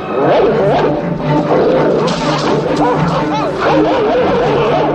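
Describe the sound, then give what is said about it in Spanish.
In a film scene, a pack of Rottweiler dogs lunges at the protagonists, among them Gregory Peck, snarling and growling ferociously in a continuous, loud, overlapping frenzy of rough guttural vocalizations, with sharp barks and yelps breaking through the din throughout. “Un gruñido animal corta en seco la indignación de Gregory Peck. Y entonces, una jauría de perros Rottweiler se lanza sobre los protagonistas.”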